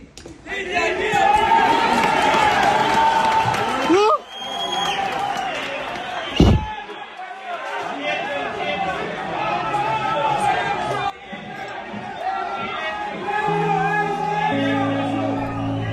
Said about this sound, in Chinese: 救援现场，一处整体垮塌的废墟上，突然响起一阵欢呼。搜救人员听到了废墟深处传来的呼救声。